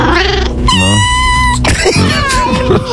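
A cat lets out a loud, drawn-out meow, with a shorter, rougher meowing cry following right after.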